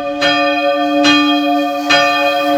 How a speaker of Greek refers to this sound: Όχι άλλο, όχι άλλο, ρε παιδιά. Όχι άλλο καμπάνι, όχι άλλο καμπάνι.